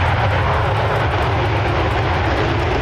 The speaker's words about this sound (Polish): 5 kolejnych najnowocześniejszych myśliwców świata F-35 jest już w Polsce. Dzisiaj po południu wylądowały w Łasku. Łącznie mamy takich maszyn już 8.